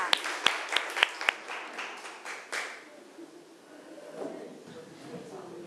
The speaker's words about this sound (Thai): เริ่มจากศูนย์การเรียนรู้ที่1ค่ะตัวแทนนักเรียนคือใครเอ่ยยกมือค่ะขอเสียงปรบมือให้เพื่อนหน่อยค่ะ